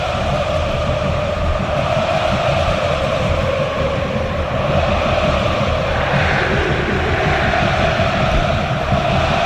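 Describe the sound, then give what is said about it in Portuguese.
A steady, dense roar of a large stadium crowd of Vitória and Fortaleza fans at the Barradão before a football match, many voices blending into one loud, unbroken wash with faint sung tones woven through it, holding level for the whole stretch. “Olha o som do Barradão, ouça o som do Barradão!”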